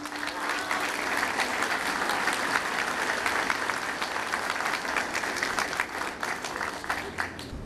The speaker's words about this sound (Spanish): a las cuales les pido un fuerte aplauso también.